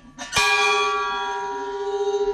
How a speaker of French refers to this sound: donc une cloche ronde